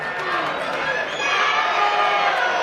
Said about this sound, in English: Fans chanting and cheering to every sound in the ballpark tonight. You can feel a great enthusiasm from the moment they arrived. Now they're looking to unleash in this eighth inning.